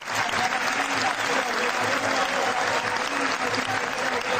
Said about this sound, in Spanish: Minuto de aplauso para Lionel Messi, Víctor Hugo, la verdad, bueno, que sí, lo reconocieron en todos los estadios, inclusive en el Clásico de Rosario, ¿no? La gente de Central aplaudió.